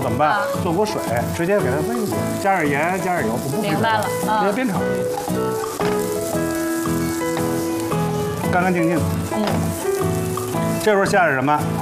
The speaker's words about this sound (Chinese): 变化了，小葱姜，一煸出味儿了。